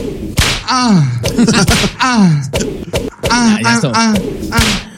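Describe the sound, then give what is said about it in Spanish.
A voice imitates whip cracks several times in a row: swooping whistled whooshes, each ending in a sharp snapping crack, loud, with brief pauses between them. “Latigazo. Ahí les va.”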